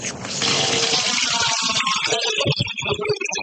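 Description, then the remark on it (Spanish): Fresh, drinkable water flows from a spring at the foot of the stairs of a house in the Cañaboncito neighborhood of Caguas, beginning as a steady rushing pour and then breaking into bubbling, gurgling splashes. No one speaks. “Agua fresca, totalmente potable, pero que no sale del grifo de la AAA.”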